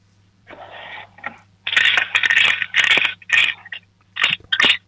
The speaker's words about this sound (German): Dann laufst du jetzt mal in dein Zimmer und holst deine Spartbüchse, weil wir würden gerne wissen, wie viel du schon gespart hast. Schüttel sie mal für uns.